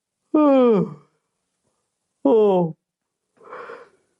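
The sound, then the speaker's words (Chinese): A voice imitates the King of Qin yawning: two drawn-out, groaning vocal sounds with sliding, falling pitch, followed by a softer breathy exhale, fairly loud against silence. “蔺相如见到秦王，就见秦王啊坐在殿上，坐得很随意，十分傲慢，眼睛啊都没看蔺相如，还打着哈欠。”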